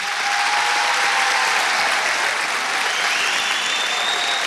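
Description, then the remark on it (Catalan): Sustained, loud applause from a large audience for all the work that has been done, a dense wash of clapping that fills the whole stretch without pause, with no voices standing out above it. “Dues paraules abans d'acabar, si us plau, un aplaudiment ben fort per tota la feina que han fet.”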